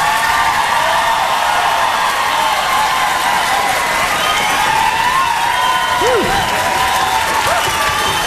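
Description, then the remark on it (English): A crowd applauds and cheers steadily throughout, dense clapping at a loud, even level, with scattered whoops and shouts rising above it. “clap for”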